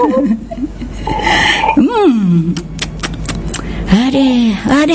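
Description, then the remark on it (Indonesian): A few quick, noisy slurps of coffee come in short bursts, set among drawn-out vocal sounds with a rising and falling pitch, something like satisfied exhales or groans. “Terdengar nih seruputannya ya.”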